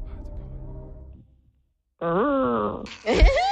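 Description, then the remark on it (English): A person imitates a whale call with long, wavering moans: a low droning tone, a pause, then a rising, sliding wail that climbs into a strained, higher cry. “What sound does a whale make?”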